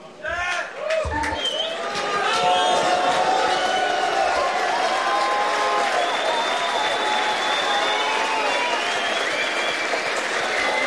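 A crowd bursts into loud, sustained applause, dense clapping with cheers and whoops rising over it, holding steady for about ten seconds after a brief, quieter start.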